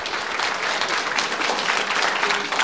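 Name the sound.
theatre audience applauding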